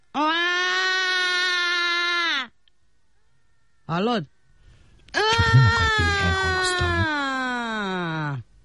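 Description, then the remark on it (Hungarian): A voice imitates a baby crying, demonstrating how a baby should cry: a long, loud, sustained wail, a short sharp yelp, then a longer wavering wail, with a brief spoken word in between. “Én tanítsalak sírni? Na, így kell, figyelj.”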